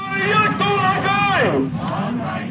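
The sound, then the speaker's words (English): A crowd of 6,000 protesters marching to the office of Beijing's representative in Hong Kong in January raises loud, sustained voices together, shouting and chanting in rising and falling tones over a dense background of babble. “In January, a crowd of 6,000 people marched to the office of Beijing's representative in Hong Kong.”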